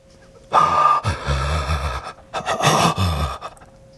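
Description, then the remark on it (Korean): Two loud, ragged gasps for breath, each a harsh rasping intake lasting about a second and a half, separated by a brief pause, with no talking. “숨이 조금씩 기도로 들어와 폐부로 이동한다.”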